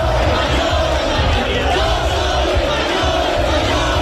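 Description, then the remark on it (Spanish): A large crowd of far-right extremists at Puerta del Sol, Madrid, shouts a chant against Pedro Sánchez in unison, loud and sustained, with a rough rhythmic pulse of many voices yelling together over a dense wash of noise. “Y el grito recurrente contra Pedro Sánchez, mucha tensión en estos momentos, siguen llegando extremistas, la Policía Nacional ha tenido que desplegarse para que no puedan pasar.”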